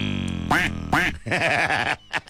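A duck quacks loudly: two separate nasal quacks, then a quick chattering run of shorter quacks, ending with a couple of brief calls.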